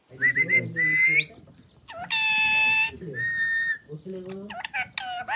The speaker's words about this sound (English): Chuti the parrot demands rice from her perch on a balcony in Dambagula village.